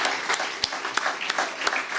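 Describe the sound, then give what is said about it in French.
A crowd applauds: a steady wash of many hands clapping at once, with a few sharper individual claps popping out above the dense, bright patter throughout. “Vous avez entendu avec les applaudissements ?”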